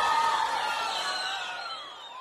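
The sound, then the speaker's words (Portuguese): An audience cheers and whoops for an artist over a steady wash of clapping, the high shouts rising and falling throughout before easing off slightly at the end. “Uma salva de palmas ao artista mais carismático do Brasil.”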